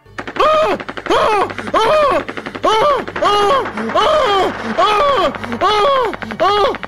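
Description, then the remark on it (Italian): A voice imitates rapid machine-gun fire, standing for 200 gunshots heard over a telephone receiver: loud rhythmic bursts of pitched, vocal rat-a-tat sounds repeating steadily for several seconds over a faint low hum. “Il signor Vito viene raggiunto dal suono alla cornetta di 200 colpi di arma da fuoco che lo uccidono sul colpo.”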